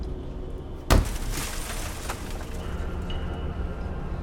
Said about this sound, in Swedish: Och efter ett tag hör de något som dunsar. De tycker att det låter som någon studsar en tung medicinboll mot något som krossas.